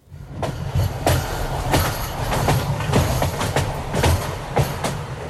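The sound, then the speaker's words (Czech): A train rolls across a high railway viaduct over the Mulde river near Freiberg, a steady low rumble punctuated by irregular sharp clacks of wheels over rail joints, fairly loud throughout, with no voices. “Před Freibergem vede přes řeku Muldu vysoký viadukt, po kterém už skoro dvě století jezdí vlaky.”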